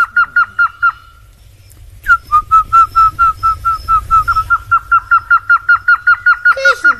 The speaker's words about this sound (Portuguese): Agora sim, ó. Som do passarinho suruquá. Olha aqui, ó. Olha só.